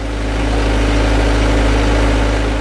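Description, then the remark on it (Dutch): The heavy engine of a potato harvesting machine runs steadily in potato season in Japan while a group of Filipino and Japanese workers on the machine sort the potatoes; a constant low rumble with humming harmonic bands and a broad mechanical hiss, holding at an even loudness throughout with no voices. “Op de oogstmachine staat een groepje Filipijnse en Japanse werkers de aardappelen te scheiden”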